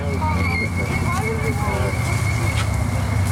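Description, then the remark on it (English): As the sky turns dark on protected land, a dense, steady chorus of frogs, including cricket frogs, bullfrogs and bird-voiced tree frogs, call over one another, with overlapping chirps and croaks, a constant high trill running throughout, and a thick low rumble underneath. “As the sky turns dark and the barely worn path is lit up by headlamps, more and more frogs start to sing.”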